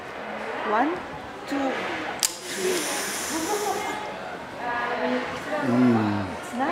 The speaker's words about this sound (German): Eine Schokopulver-Schnupfmaschine. So. Ich sage 1, 2, 3 und bei 3 schniefen sie ganz stark. Okay? Perfekt.